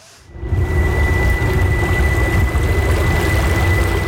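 Water splashes and slaps steadily against the bow of a small electric boat gliding through the Lucerne lake basin in Switzerland, a dense, continuous rushing wash that starts abruptly, with the faint, steady high electric whine of its motor running underneath. No one speaks.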